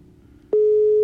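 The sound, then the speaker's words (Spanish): A phone call's ringing tone sounds during a radio call-in game: after a quiet low hum, a single steady electronic beep tone starts halfway through and holds, loud and unwavering, to the end. The call goes unanswered. “Sigue sonando, amá.”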